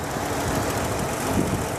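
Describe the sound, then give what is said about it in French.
A car engine runs steadily with a rough, uneven rumble, occasional irregular knocks breaking the rhythm as it misfires, at a constant moderate loudness with no talking. “Ça manque un peu de fluidité, vous entendez ? Boum, boum, boum.”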